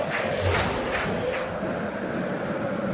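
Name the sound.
football stadium crowd roaring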